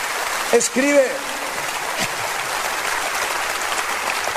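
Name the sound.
audience applauding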